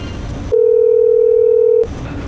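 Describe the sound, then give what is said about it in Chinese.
A loud, steady telephone ringback tone sounds once as a staff member phones Manager Yuan, a single unbroken mid-pitched beep lasting just over a second. Soft background noise comes before and after it. “要不这个工作人员，帮我打个电话给袁经理问一问情况。”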